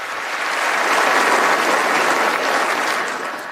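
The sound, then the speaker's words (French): Sustained applause from a large crowd, a dense, even clatter of many hands clapping that swells in quickly and holds steady at a loud level throughout, with no voices standing out. “Ouais, il parlait des démocrates, des démocrates qui sont des crazy people, donc parce qu'ils applaudissent pas cette fiction d'enfants arrachés des bras de leurs parents”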